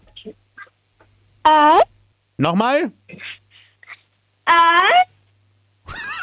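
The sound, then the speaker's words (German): A 10-year-old child from the state of Styria, at Radinos Minidisco, imitates a wolf howl with three short, high-pitched, wavering cries, the second sliding downward in pitch, with a brief spoken question in between. “Und zwar hätte ich gerne, dass du mal heulst wie ein Wolf.”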